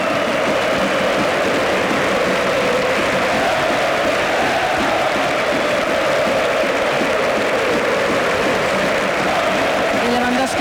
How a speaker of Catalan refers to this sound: Aplaudeix a l'afició tot aquests crits, aquests ànims que li estan dedicant.